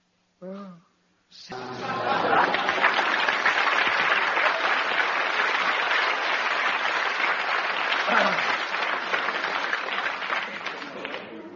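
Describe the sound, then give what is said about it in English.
A dense, steady din of a large intermission crowd milling past a cocktail bar, many overlapping voices and chatter blending into a loud, continuous roar, preceded by a brief isolated sound at the very start. “As we move back through the milling crowds past the cocktail bar,”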